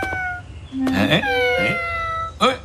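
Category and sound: animal, kitten meowing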